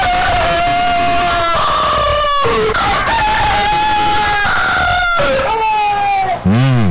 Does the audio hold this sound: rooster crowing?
yes